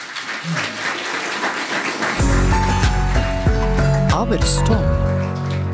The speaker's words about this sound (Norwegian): En stor applaus for det.